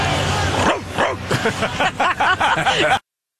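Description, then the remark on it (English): A person imitates a dog, letting out a rapid run of about nine loud barks over roughly three seconds, each a short arched yelp, during a postgame baseball interview after a 7-0 win. “Wow, that was a real bark out of Nathan Church.”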